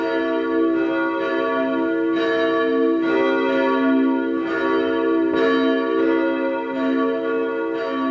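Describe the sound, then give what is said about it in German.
The bells of the parish church St. Ottmar unter den Weißgerbern in Vienna's 3rd district, Austria, peal together at 12 noon in a steady, overlapping ring, their loud sustained tones swelling with each strike and blending into a continuous wash of sound with no voices present. “Es ist 12 Uhr. Sie hören die Glocken der Pfarrkirche St. Ottmar unter den Weißgerbern in Wien 3.”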